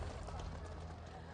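A steady burst of audience applause, many hands clapping together in a dense, even crackle that holds at the same loudness throughout the short clip.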